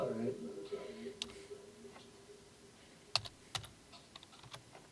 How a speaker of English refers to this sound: Slow typing on the machine.